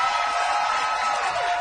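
An audience claps steadily throughout, a dense, even wash of many hands at a constant loudness, with no voices or pauses.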